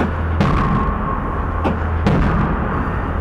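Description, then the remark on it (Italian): Three sharp knocks ring out with hollow, metallic echoes picked up by a microphone placed inside a metal object, each trailing off in a resonant tail over a steady low hum. “Senti l'eco metallico.”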